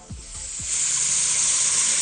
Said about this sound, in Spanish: el sonido del agua que se está desperdiciando